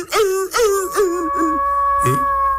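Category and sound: animal, wolf howling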